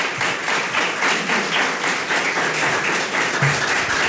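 Sustained audience applause at the end of a film screening, a dense, steady wash of many hands clapping at once, loud and even throughout without pause.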